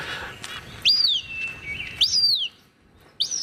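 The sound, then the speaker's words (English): A Cooper's hawk call played from the Merlin app repeats three times, each a loud, thin, high-pitched squeal that slides downward, separated by short pauses over a faint background hiss. “Right now what I'm doing is I'm opening my Merlin so I can play the Cooper's call for you.”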